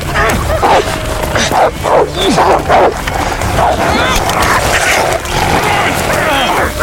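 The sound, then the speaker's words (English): A wolf pack attacking sheep: a chaotic, continuous tangle of snarls, yelps and sharp barks, loud and overlapping throughout, with bursts of frantic scuffling and no pause in the struggle. “We can drive the wolves away.”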